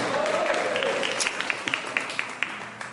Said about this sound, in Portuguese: Pode assentar. Senta com fé, senta com glória a Deus, senta com palmas, senta com alegria, senta na presença do Senhor.